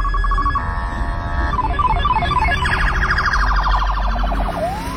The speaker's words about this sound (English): But I want to play first, though, the new sirens that the Florida Highway Patrol is rolling out. Here, listen to this.